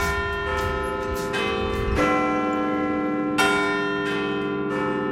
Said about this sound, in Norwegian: Etter en stund hører jeg noen svært kjente klokkeslag over byen.